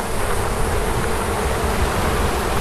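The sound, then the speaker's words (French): A dense, steady hum of many bees buzzing around beehives, a continuous swarm-like drone with no pauses and no voices. “Élever des abeilles ne représente pas seulement une source de revenus, c'est aussi cultiver ce lien à la terre que l'occupation tente de briser.”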